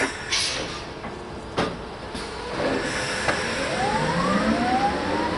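A high-pitched electric whine from the electric drivetrain of a modified truck, with no diesel engine, rises steadily in pitch as the driver steps on the pedal and it accelerates, over a low rumbling cab noise with a couple of soft knocks early on. No one speaks.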